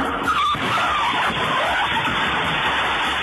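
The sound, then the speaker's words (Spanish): A car crashes into a café in New York in an accident involving two cars, one of them driving the wrong way: a loud, continuous rush of screeching tires and grinding, chaotic noise fills about three seconds, harsh, with no voices. “Choca contra una cafetería.”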